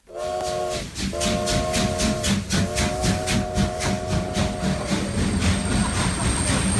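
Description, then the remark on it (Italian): A steam train pulls in at a passenger platform in 1906, its smoke filling the platform, with a loud, steady hiss and rhythmic chugging puffs, its whistle sounding in long sustained tones over the clanking of the cars. “È il 1906 e i fumi del treno vapore invadono la banchina dei passeggeri. Il brusio di voci e ferraglie è assordante.”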